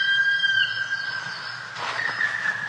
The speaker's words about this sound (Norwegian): Foruten at du kanskje har hørt den som er dagens fogel, svart spett. Jeg sa det at den gir mange gode følelser, i hvert fall i mine, holdt på å si, små grå tanker. Så er det noe som skjer med meg når jeg hører den her svart spetten.